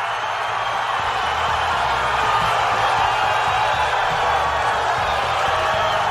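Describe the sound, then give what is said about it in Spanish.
A large crowd in Brazil cheers and roars loudly and steadily for about six seconds as Neymar is announced in the World Cup squad, a dense, continuous wall of voices with no single speaker standing out. “se celebró la presencia de Neymar en la Copa del Mundo”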